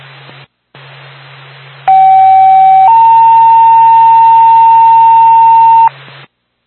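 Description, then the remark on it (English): Two steady electronic fire dispatch pager tones over a radio channel, alerting Twin Mountain Ambulance via Twin State dispatch, a shorter lower tone followed by a longer, slightly higher one, loud and clear above static hiss and a low hum. “Stand by for tow.”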